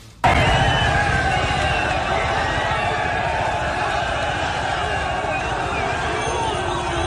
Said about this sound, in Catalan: Aquest és el so i els crits de celebració de les centenars de persones que van aconseguir creuar la frontera.